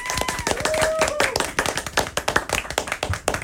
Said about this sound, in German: Nochmal einen großen Applaus für die ….